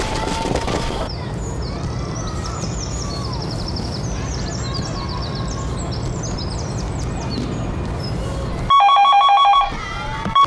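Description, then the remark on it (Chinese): A long stretch of dense, rushing noise with high chirping, quack-like calls, then a telephone at the Lushan fire brigade station rings loudly in one brief electronic burst of trilling tones near the end, a call from the command center relaying an emergency report. “你好，这里是指挥中心，你处有人打电话报警，现在为你转接。”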